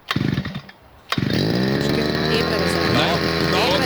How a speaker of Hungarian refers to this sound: Figyelj, beindítja a videót, vett arra, hogy kell beindítani a fűkaszát, megőrülsz. Fűkasza próbavágás. Figyelj. Na? Na, figyelj, berántja.